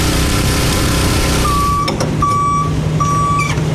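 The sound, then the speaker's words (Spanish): A water tanker truck on a water-delivery route in Canóvanas: its engine rumbles steadily in a deep continuous drone, while three evenly spaced reversing beeps sound over it in the second half. “Y los camiones cisternas se han convertido en albergues para su resguardo.”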